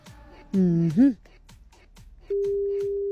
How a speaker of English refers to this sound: You know, I did say stay close to your phone. We may be calling you today. If you don't pick up, I'm going to have to call the next person. Oh, dear. Why aren't you picking up?